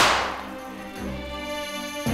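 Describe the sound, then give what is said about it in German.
Confetti cannons go off with a sharp, loud pop that fades into a bright ringing tone, and a second burst snaps out just before the end. “Konfetti-Kanonen!”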